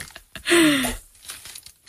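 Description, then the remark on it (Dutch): A cork being worked out of a bottle of white wine: a squeaky, scraping half-second of friction with a gliding tone, ending in a soft release, followed by quiet faint rustling. “Wel het mooiste geluid van de dag gelijk. Kijk je, nu kijk je meteen naar de kurk en je ruikt aan de kurk.”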